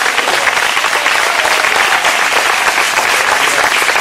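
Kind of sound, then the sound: crowd, audience applauding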